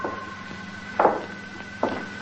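Several soft, irregularly spaced taps, two of them louder and fuller, as a blind man taps his way along the floor to a desk, over a steady low hum with a faint constant whine and no voices.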